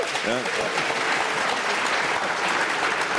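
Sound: audience applause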